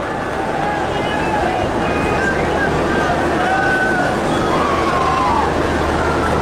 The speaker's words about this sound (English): Chisholm is not a big favorite with Royals fans, as you can tell. And he's earned it. But they're left-handed. Big swing, but he missed. And the crowd reacts to that.